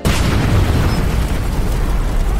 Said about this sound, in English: The explosion saturated me with burning oil from my waist to the top of my head. With every breath, flames seared my lungs. I didn't know what was happening, but my workers told me later flames were shooting 4 feet over my head.